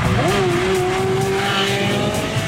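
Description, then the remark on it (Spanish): A motorcycle engine revs up sharply, then holds a steady, loud whine for a couple of seconds, with no voices over it. “Recuerden, señores, que nos vamos de motazazaza olímpica.”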